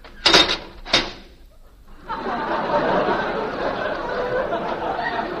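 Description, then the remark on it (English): A heavy door closes with two sharp, loud clunks, then the door's time lock engages under a steady, dense rumbling noise that continues to the end. “What was that? Time lock on the door.”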